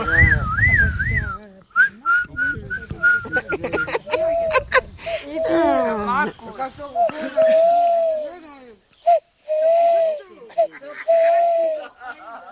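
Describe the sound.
A person whistles a series of short, wavering tonal calls imitating an owl, with breathy pauses between them; the whistling is fairly loud, with occasional vocal sounds mixed in.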